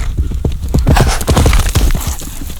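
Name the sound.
horse hooves galloping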